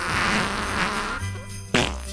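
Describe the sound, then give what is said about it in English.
A Buttface toy, its cheeks squeezed, emits a buzzy, sputtering electronic fart noise that drones on for a couple of seconds, fairly loud, ending with a sharper burst near the end. “Squeezing the cheeks triggers continuous fart noises.”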